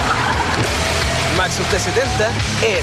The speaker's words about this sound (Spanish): Oye, ¿ese no es el carro? Sí, y bien camioneta nueva.